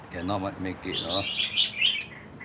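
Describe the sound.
More than 30 birds chirp and sing in a front yard in a busy, overlapping chorus of high tweets, lively, with a voice briefly talking at the start before the birdsong takes over.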